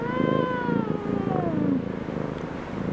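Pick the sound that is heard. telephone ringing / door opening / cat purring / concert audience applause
cat purring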